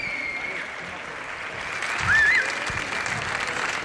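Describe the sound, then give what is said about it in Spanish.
A crowd claps steadily in a dense, continuous wash of applause, swelling slightly louder midway before holding at an even level; a faint rising whistle cuts through briefly. Applause for the opening of a Radio 3 live broadcast from the Nobel courtyard of the Reina Sofía museum, Madrid, on International Museum Day. “Os pido un fuerte aplauso para este arranque desde el patio del Nobel del Reina Sofía de Madrid, Radio 3 en directo, Día Internacional de los Museos.”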